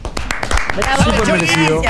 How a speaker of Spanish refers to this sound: Aplaudimos entonces, fuerte el aplauso para el Chori.